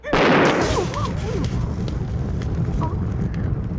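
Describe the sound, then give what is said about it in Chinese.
A sudden, loud explosive blast from a small thrown pellet bomb, a newly invented hidden weapon called the Thunderbolt Thunder Pearl (霹雳雷珠) that looks like red beans, erupts at the start, then gives way to a steady crackling, rumbling roar that continues for several seconds. “这些不是红豆，哎，这是我新发明的暗器——霹雳雷珠。”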